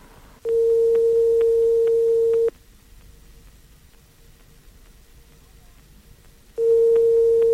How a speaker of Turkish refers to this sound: Evet numaraları çeviriyorum. Evet, telefonumuz çalıyor. Bakalım açan olacak mı?